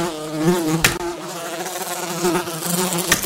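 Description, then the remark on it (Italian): A fly buzzes continuously at a basement window, its droning hum wavering up and down in pitch, interrupted by two brief sharp taps, with no voices present. “Presa! Puttana mangia merda, ti ho stecchita.”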